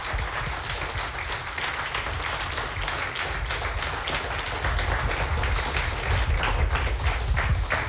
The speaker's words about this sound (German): Noch einmal einen großen Applaus für alle Finalisten. Bitteschön.